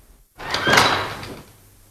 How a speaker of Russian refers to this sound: Дверь толкни.